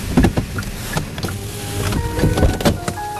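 Inside a delivery truck on the move: a steady low engine rumble with scattered rattles and clicks from the cabin, plus a faint whining motor tone. No one speaks.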